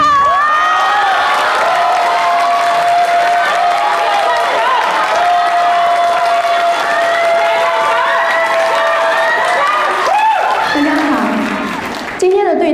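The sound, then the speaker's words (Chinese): A loud crowd cheers and applauds steadily for about twelve seconds, welcoming a guest on stage for a dialogue session, with high whoops and shouted voices over a dense wash of clapping, then it fades out abruptly at the end. “下面我们进入到对谈环节，让我们掌声欢迎”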